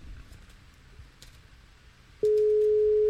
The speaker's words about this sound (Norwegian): Skal vi se. Og det ringer.